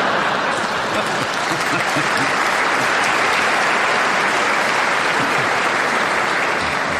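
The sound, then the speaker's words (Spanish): A radio programme's audience applauds steadily for about seven seconds, a dense, loud wash of many hands clapping at once with no pauses and no voices standing out. “Me imagino que los que acaban de aplaudir eso no van a venir mañana.”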